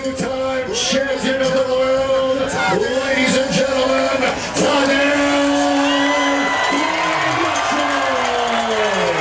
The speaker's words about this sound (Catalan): Doncs ja ho sentiu, l'ovació a Tadej Pogacar, que és de llarg el ciclista més aclamat aquí al fòrum.